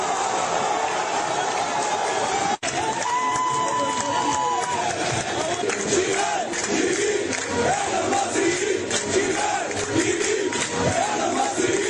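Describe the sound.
A large crowd of Egyptian football fans celebrates after the match, roaring and chanting continuously, a dense wall of many voices with rising and falling shouts, whistles and cheers layered throughout, interrupted once by a brief cut.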